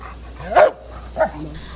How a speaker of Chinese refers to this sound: 7月18号上午10点40分，重庆彭水山体崩塌灾害现场，一只黑色的拉布拉多搜救犬跃进满是巨石、砖块、钢筋的废墟，仔细搜寻后停在一处塌方体前吠叫示警，这意味着它发现了废墟之下可能存在生命迹象。